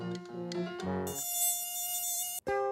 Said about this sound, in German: zum Einfallstor für summendes Übel. Mücken und anderes fliegendes Kleingetier.